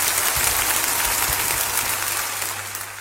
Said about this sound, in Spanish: Esos aplausos en la apertura de nuestro programa eran para la cantante española …, una jovencísima saxofonista, trompetista y gran cantante de jazz, junto con el quinteto de su maestro …